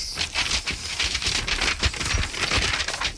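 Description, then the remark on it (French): Continuous rustling and crinkling of paper being handled, shuffled and crumpled, with dense crackly bursts throughout and no voices; the papers of an autopsy report. “Vous avez du mal avec vos papiers, vous voulez de l'aide?”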